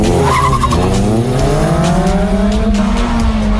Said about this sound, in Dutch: Op het TT-circuit in Assen tijdens de Racing Day daar. 2 auto's uit de categorie Mazda MX-5 tegen elkaar.